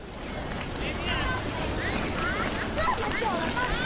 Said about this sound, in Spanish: Peatones caminando a mi lado, coches, bicis, pero todos pasando de mí.